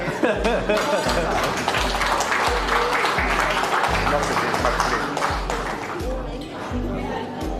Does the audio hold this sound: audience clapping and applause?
yes